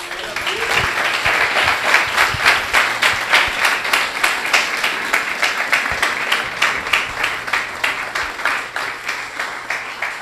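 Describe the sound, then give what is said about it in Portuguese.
An audience breaks into sustained applause for Jesus, many hands clapping in a dense, steady patter with rhythmic pulses throughout, fairly loud and with no voices standing out. “Aplaude Jesus.”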